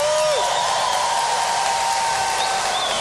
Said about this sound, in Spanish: Muchas gracias, qué bonito. Extendemos el aplauso.